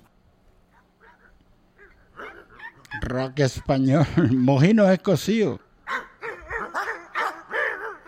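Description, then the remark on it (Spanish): A small dog barks in a quick, loud run of high yaps, with people talking before and after the barking. “El perrito, chau, chau.”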